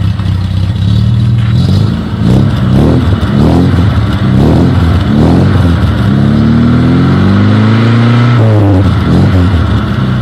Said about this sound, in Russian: Сейчас мы в студии с тобой заведем одно чудо техники. Задача твоя — по звуку двигателя работающего определить, что же это за автомобиль. Если что, варианты ответа для тебя тоже будут. Итак, ключ на старт, заводим, погнали.